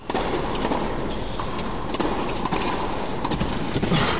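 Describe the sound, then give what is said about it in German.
Sharp, hollow pops of a tennis ball being struck back and forth in a rally, half a dozen hits at an uneven pace over a steady outdoor background hiss, with no one talking. “Puh, das war ein guter Ball. Punkt für mich, 15-0.”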